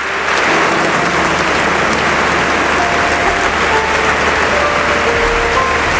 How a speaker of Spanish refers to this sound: Esto que estamos escuchando ahora mismo son los aplausos que se están ofreciendo, que se están dando en esa iglesia de San Agustín en Barcelona, donde se encuentra ahora mismo el Papa León XIV, saludando a una de las personas que está interviniendo